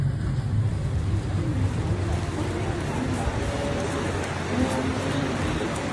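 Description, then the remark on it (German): Steady low engine drone of a ferry under way on a crossing of about 40 minutes to Hormuz Island, with constant wind buffeting and water rushing past, loud and continuous throughout; faint voices murmur in the background. “Nach ungefähr 40 Minuten mit der Fähre erreichen wir die Insel Hormuz.”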